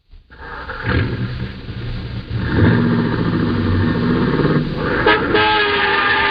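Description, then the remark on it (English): A car horn blares in long, loud sustained honks over a running engine as a car clips another car's fender, with a sharp burst of noise near the end as the honking continues. No one speaks. “Hey, you! Hey! Oh, it took my fender there.”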